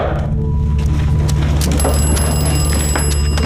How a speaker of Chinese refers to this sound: 喂，哦，处长，电话。